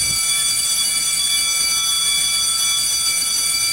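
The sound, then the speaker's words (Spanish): A loud electric bell rings to open the radio show segment 'La Tardeada', ringing without a break for the whole few seconds, a harsh, steady metallic clang with a bright, shrill tone and no pauses or voices. “Ya dieron el timbre, y aquí comienza la tardeada.”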